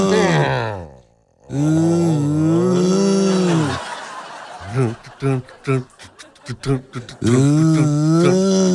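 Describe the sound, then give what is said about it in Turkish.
A night-time recording of loud, groaning snores with a droning, wavering pitch: two long drawn-out rasps, then a burst of short choppy snorts, and another long snore rising at the end. “Tam horlamanın yüksek seviyeye çıkacağı sırada bir geri çekilme geliyor horlama.”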